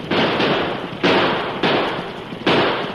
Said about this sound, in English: Then suddenly, without warning, there were cracks of guns.